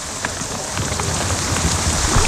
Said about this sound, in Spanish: Fijaos que el trueno que va a pegar en nada, a ver si suena.